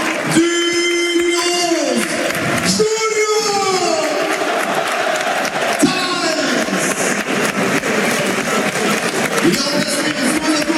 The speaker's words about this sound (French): Et la sortie, bah là on va laisser vivre, on va laisser vivre le stade. La sortie du buteur, la sortie sous applaudissement.